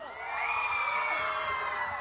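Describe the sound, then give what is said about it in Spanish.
A large crowd of girls screams together at a rock concert in a sustained, loud, high-pitched roar, holding steady for the full two seconds with no talking. “Que se escuche el grito de las niñas.”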